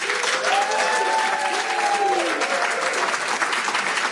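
A steady burst of audience applause welcoming a singer about to play live, dense and even in loudness throughout, with a brief higher tonal whoop or cheer rising over the clapping early on.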